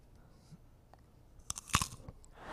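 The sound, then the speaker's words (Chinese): Crisp crunches of someone biting into peanuts, a few sharp cracks clustered near the end over a quiet background, with no talking. “花生米给我来点吧，大家。”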